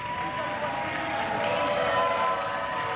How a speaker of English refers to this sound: Crowd loving it. Been an incredible long marathon day at the Ocho.